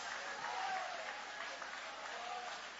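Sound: audience applauding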